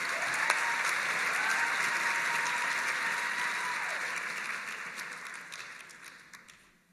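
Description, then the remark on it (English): An audience claps steadily in a dense wash of applause, holding strong for several seconds before gradually thinning out and fading away toward the end. “Let's give a round of applause for Samuel L. Jackson.”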